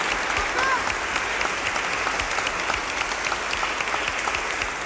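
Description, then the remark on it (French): A crowd applauds the volunteers steadily, dense clapping from many hands filling the whole stretch at an even level, with a brief whistle or cheer rising faintly near the start. “Voilà, mais un grand merci aux bénévoles et on peut aussi les applaudir.”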